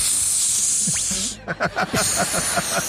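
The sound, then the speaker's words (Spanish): A voice imitates an Aquanet aerosol hairspray, first with a long steady hiss, then a run of short, rhythmic spray bursts. It sounds moderately loud, with no talking. “Y la gente le llamó la atención que yo decía por el Aquanet, el spray.”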